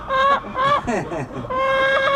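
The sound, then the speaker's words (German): A brown-and-white speckled chicken clucks loudly and close by as it approaches, a run of nasal, tonal clucks with a quicker broken stutter in the middle and a longer drawn-out call at the end. “Ein Huhn, braun-weiß gescheckt, kommt jetzt ganz nah.”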